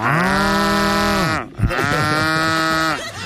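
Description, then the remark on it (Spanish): A cow moos twice in a row, two long, loud, droning calls separated by a brief breath, with no voices around them. “¿Cómo es que suena la vaca?”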